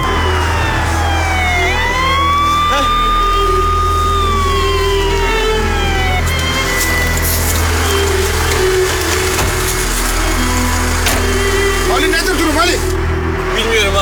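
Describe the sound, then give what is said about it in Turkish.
An ambulance called to an emergency approaches, its siren wailing with a rising and falling tone over a busy, noisy street scene, while agitated voices talk in the background. “Ambulans çağırdı mı kardeşim? Çağırdı mı, geliyor.”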